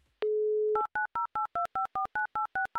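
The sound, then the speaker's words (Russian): A steady dial tone hums for about half a second, then a quick run of eleven crisp two-tone beeps as a radio presenter punches in a listener's phone number, evenly spaced and clear with no talking. “Номер телефона набран. Ждем соединения”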